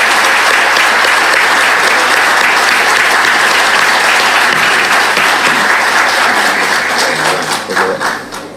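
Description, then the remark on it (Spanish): A large audience applauds loudly and steadily for award winners at a ceremony in Campana, a dense wash of many hands clapping that holds for several seconds before thinning out into scattered claps near the end. “Les pido un fuerte aplauso para ellos, para los galardonados.”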